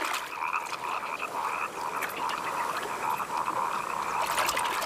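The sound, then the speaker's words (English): A dense chorus of grass frogs croaking during their brief mating period, many overlapping calls forming a steady purring drone with no pauses, fairly loud, with no voices present. “Grass frogs mate for only a few days, which is why they are also called explosive breeders.”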